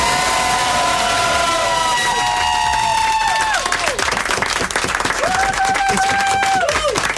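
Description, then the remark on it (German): A crowd at a farewell breaks into loud, sustained applause for the assistant, dense clapping running the whole time, with shrill whistles and cheering voices rising and sliding over it. “Und die kriegt jetzt den Applaus von ganz ganz.”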